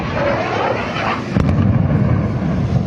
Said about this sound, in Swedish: Ljudet av explosioner blandas med vågornas brus i staden, som annars är känd för sina långa sandstränder.